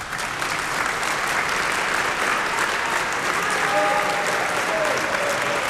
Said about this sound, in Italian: E se volete qualcosa di più, io credo che ci voglia un applauso più deciso.